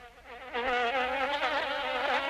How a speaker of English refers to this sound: Springtime is when mosquitoes come out in full force.